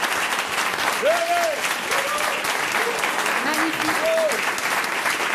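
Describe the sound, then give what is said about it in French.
Steady, loud applause from an audience in the hall for a group of men present, honoured for their courage and daring: a dense wash of clapping that holds for several seconds, with a few rising and falling voiced calls or whoops cutting through. “Mais j'aimerais qu'on puisse les applaudir pour leur courage et leur audace.”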